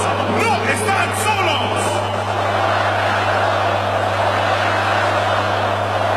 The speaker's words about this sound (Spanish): Ahí está la voz del estadio en el Azteca de México. Que se escuche fuerte y que se escuche lejos. Hasta Venezuela.